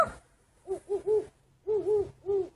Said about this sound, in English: And some very fat owls who are learning to hoot.